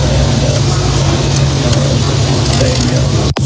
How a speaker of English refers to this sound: They got him on the back of a motorcycle. Even John started the Harley.